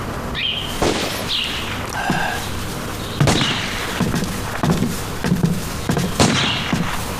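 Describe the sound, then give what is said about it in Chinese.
Scattered gunshots crack, roughly half a dozen irregular reports spaced a second or so apart, with faint whistling tones drifting between them and no one speaking. “哎，枪声是不是少了？ 哎，是稀了不少。”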